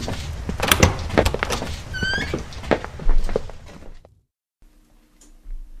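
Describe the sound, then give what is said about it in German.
A door opens with a burst of clicks, rattles and clunks, a brief squeaky creak in the middle, then the sound cuts off into near silence and a faint low hum; the door leads into a cosily furnished study. “Als Desdemona, Nymphoras und Rachel durch die Tür traten, standen sie in einem gemütlich eingerichteten Studierzimmer.”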